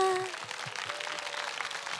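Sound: audience applause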